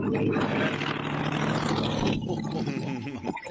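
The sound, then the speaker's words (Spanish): A Turismo Carretera (TC) race car from the Gran Premio Argentino Histórico, on a road near La Merced, Argentina, roars loudly and steadily for a few seconds. It is a deep, buzzing growl that briefly dips in pitch and wavers as the car goes by at the end. “Un portentoso TC de aquello.”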